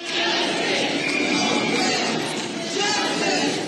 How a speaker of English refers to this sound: You're hearing the crowd gathered earlier today chanting justice for Nolan Wells after his family released the results of an independent autopsy.